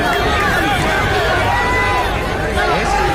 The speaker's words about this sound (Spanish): Ahí la gente grita más fuerte, inclusive.